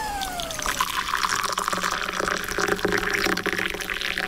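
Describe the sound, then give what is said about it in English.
Hot water from a kettle pours steadily into a cup to make tea, a continuous splashing rush lasting the whole clip, with a faint high tone gliding downward in the first second. No one speaks. “A nice steaming cup of tea.”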